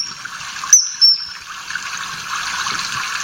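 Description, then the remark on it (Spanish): A common kingfisher gives two short, piercing high whistles in quick succession, standing out sharply above a steady background hiss like running water and insects. No one speaks. “El martín pescador, pues es un pez, un pájaro muy bonito, ¿eh?, que vive donde haya agua siempre porque es pescador y se alimenta de peces.”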